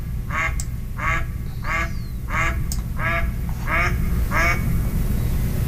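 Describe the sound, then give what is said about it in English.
A series of about seven low, reedy duck quacks from a male mallard, evenly spaced roughly every half second over a steady low background rumble. “It's kind of a reedy, lower sound. So I think this last one is probably a male mallard, the first one with the female.”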